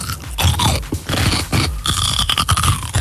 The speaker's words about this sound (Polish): No jak to, co jecie? Ogórek kiszony, no, nie. Albo mało solny.